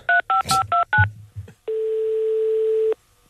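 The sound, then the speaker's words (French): A quick series of five short, clear telephone keypad tones as a hotline number for reporting police violence is dialed live on the radio show Matin Première, followed by a low thud and a steady, sustained tone lasting over a second before cutting off. “Je vais donc l'appeler en direct dans Matin Première.”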